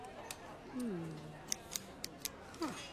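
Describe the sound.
A four-color pen being taken apart to see how it works: several small, crisp plastic clicks and snaps at irregular intervals, fairly quiet, with a brief murmuring voice in between.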